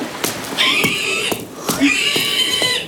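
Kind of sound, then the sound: animal, pig squealing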